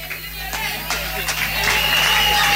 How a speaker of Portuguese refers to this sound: Ele merece. As palmas.